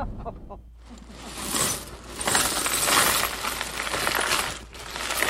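Small pieces of glass clink and rattle against each other in a steady, busy jumble, close up, with bright scraping chinks continuing throughout and no voices.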